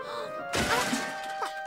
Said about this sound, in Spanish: ¡Oye! ¿Dónde están nuestros baldes? ¡Se están cayendo! ¡Ay, no!